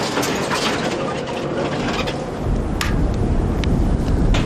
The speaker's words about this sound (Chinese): 山上的天气就像小孩子的脸，说变就变，大风夹杂着冰雹，加大了工作的难度。